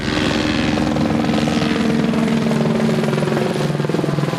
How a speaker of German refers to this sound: Im Minutentakt fliegen die Löschhubschrauber hier über den Föhrenwald. Sie holen Wasser aus den aufgebauten Löschbecken auf den Feldern und fliegen dann direkt zurück zum Wald.